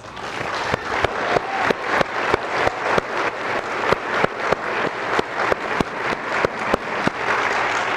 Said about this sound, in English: I want to take the time right now to give all those grandmothers who are right now praying for their children who are away from the church, I want us to applaud for them today.